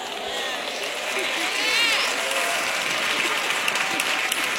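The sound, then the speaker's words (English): A church audience, including many women, claps steadily in praise during a sermon: dense overlapping handclaps forming a continuous bright wash of applause with some voices mixed in throughout. “Look at all the sisters clapping, praising the Lord, praise God.”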